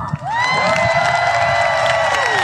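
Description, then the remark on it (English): A large golf crowd, mostly supporting the Europeans, roars with cheers as the first two teams are introduced, Americans Rose Tseng and Lauren Coughlin against Swedes Maya Stark and Lynn Grant; sustained whoops and shouts rise after a brief dip, holding loud and steady to the end with no talk over it. “Yeah, we are trying to be a bit impartial, but the crowd, they sure are, most of them are for Europeans.”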